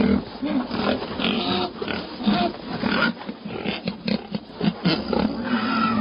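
A herd of white pigs being raised grunts and squeals continuously, their overlapping calls forming a dense, loud, restless chorus with short sharp squeals breaking through.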